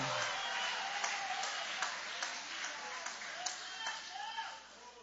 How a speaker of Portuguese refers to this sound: Quem tem percebido a presença de Deus com você na trajetória da sua vida, levanta a sua mão então e aplaude o nome deste Deus. Aleluia!